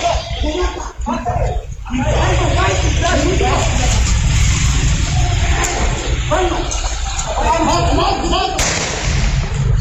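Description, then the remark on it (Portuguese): A single sharp gunshot cracks near the end of security-camera audio of a crime, cutting through a dense, noisy background of agitated voices, with criminals urging to kill, and rumbling ambient sound. “A gente pôde acompanhar que um criminoso ficou dizendo: mata ele, um comparsa disse: vou matar e de fato matou.”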